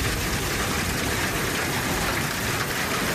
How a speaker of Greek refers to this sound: Χαμός. Στην ευρύτερη περιοχή της Λάρισας, η χαλαζόπτωση σε συνδυασμό με την ισχυρή βροχόπτωση φέρνουν απόγνωση. Χαλάζει έντονο.